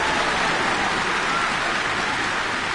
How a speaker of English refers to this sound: Thank you fans for that lovely round of applause.